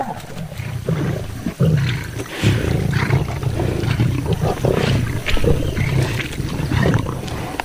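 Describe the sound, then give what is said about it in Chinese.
A male lion arriving where lionesses are sharing their prey roars and growls loudly in deep, rumbling bursts that run almost without pause for several seconds, with no voices. “可雄狮的到来打破了平衡。”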